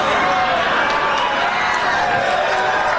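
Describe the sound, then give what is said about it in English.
A large crowd at a politician's concession speech cheers and applauds a joke, a loud, steady wash of voices and clapping that holds for the whole stretch without a break, with no single speaker standing out. “Again, people cheer that.”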